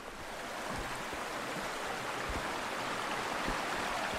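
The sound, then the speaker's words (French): Steady rushing of the river Cure flowing under a bridge, a dense continuous wash of water noise that stays loud and even throughout, with no voices. “La Cure, c'est pas une rivière navigable, en tout cas sur une toute petite partie de son parcours.”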